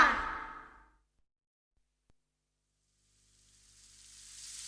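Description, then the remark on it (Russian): After a short whooshing burst dies away into quiet, a soft, high hiss of light rain fades in and steadily builds over the last second or so, with no voices. “Ой, смотрите, все-таки дождь пошел.”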